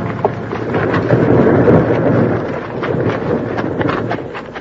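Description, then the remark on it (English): A huge boulder, started by bank bandits, crashes down a cliff in Split Rock Canyon at tremendous speed in a loud, sustained rumble, with heavy low thunder-like roaring and scattered clattering impacts of debris over several seconds. “Started by the bank bandits, the big rock smashed down at them at tremendous speed.”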